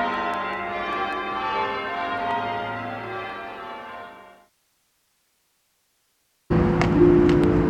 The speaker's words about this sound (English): I embrace the bells. I become one with the bells. My soul merges with the bells. It's like I never existed without them. Their absence is like a jagged, gaping hole in my soul. I miss the bells. I long for the bells.